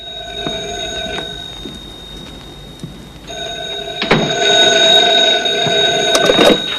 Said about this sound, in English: He goes into the bedroom to answer the phone, closing the door behind him.